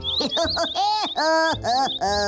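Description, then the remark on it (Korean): A quick run of chirps from birds passing by, rising and falling tweets repeated in close succession, fairly loud, with no talking. “아이 이런, 이번엔 또 지나가는 새들의 말이 들리네.”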